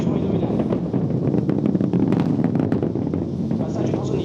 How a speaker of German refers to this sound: Fast eine halbe Minute dauert es, bis auch der Donner der gewaltigen Treibladungen über fast 8 Kilometer bis zum nächstgelegenen Beobachtungspunkt außerhalb eines weiten Sperrgebiets herübergerollt ist.